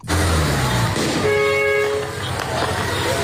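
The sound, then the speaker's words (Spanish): Military combat vehicles rumble through a busy street in the city of Alamata, Ethiopia, amid constant outdoor noise, their low engine drone filling the scene as a single loud horn blares for under a second. “Tropas, disparos al aire, carros de combate por las calles de Alamata en esta ciudad estratégica.”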